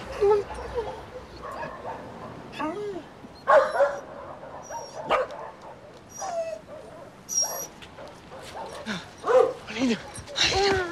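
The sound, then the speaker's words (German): Many dogs barking, yipping and whining at once, overlapping calls coming in repeated bursts throughout, some loud, others quieter. “hier sind jede Menge Hunde.”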